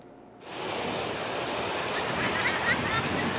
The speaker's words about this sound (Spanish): Este fin de semana el fenómeno del mar de fondo se resintió en las playas de Acapulco. El alto oleaje se notó con fuerza en Playa Papagayo, así como en Caleta y Caletilla.